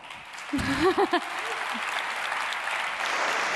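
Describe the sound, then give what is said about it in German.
A crowd applauds steadily, a dense wash of clapping that fills the whole stretch, with a few brief voiced shouts or cheers rising above it near the start; applause for colleagues who performed on stage. “Einen großen Applaus an euch schon mal.”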